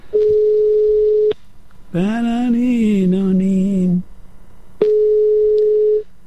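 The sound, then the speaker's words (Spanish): A telephone busy signal sounds in two long, steady beeps, about a second each, while a call is being redialed, with a person's voice speaking clearly in the gap between them. “Bueno, pues nada, ya tengo que llamarlo otra vez.”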